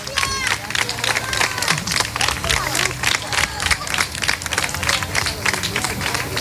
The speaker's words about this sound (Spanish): Bueno, por poner el punto final, ya se van, ¿eh? Mira, con aplausos otra vez. La gente está volcada, sí.